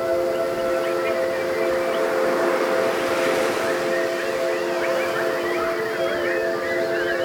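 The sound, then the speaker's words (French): A crowd of people imitates bird calls, with many overlapping chirps, trills and whistles over a few sustained whistled tones, forming a dense, continuous chorus without pauses. “Est-ce que vous pouvez pour moi chanter tel des oiseaux, s'il vous plaît?”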